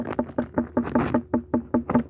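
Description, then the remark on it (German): Knuckles rap an unripe watermelon about ten times in a quick, steady rhythm, each knock short with a slightly dull thud, a knock test by a watermelon farmer in Upper Bavaria, Germany. No voices accompany the tapping. “Und so hört sich jetzt eine unreife Melone an.”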